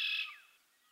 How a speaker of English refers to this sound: You're listening to the sounds of the Red Wing Black Bird on 99.1 WQRT-LP, Indianapolis.